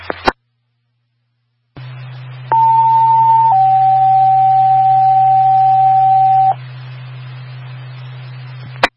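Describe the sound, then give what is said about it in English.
Test tones on the all-call paging system at Providence Tower, station WPQB: a one-second steady beep followed by a longer, slightly lower tone of about three seconds, over a constant low hum and hiss, with sharp clicks at the start and end. “Attention all receivers, this is a test and a test only on the all-call paging system. Disregard the tones and reset your monitors.”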